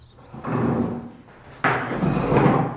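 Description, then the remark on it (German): Two bursts of wooden scraping and knocking as chairs are lifted down from tables and set on the floor in an old primary school at the edge of a village, each lasting about a second with a brief pause between. “Nehmen Sie einen Moment, also ich stelle nur die Stühle hier runter.”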